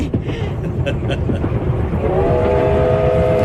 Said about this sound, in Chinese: 火车把平荣带向了远方，转动的车轮也撵走了时光，转眼到了1980。